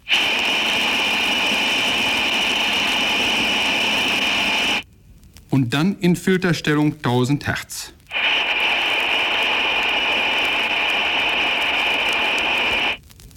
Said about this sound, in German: Geräusch Nummer 4, Number 4, lässt das grelle Pfeifgeräusch der undichten Stopfbuchse einer Armatur hörbar werden. Zuerst in Stellung Breitband.